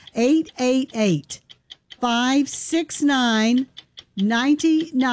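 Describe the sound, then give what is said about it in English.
A steady clock-like ticking of a countdown clock sound effect runs beneath loud bursts of wordless, sung-sounding vocal tones, the quick ticks standing out mainly in the short gaps between them. “And that clock starts now.”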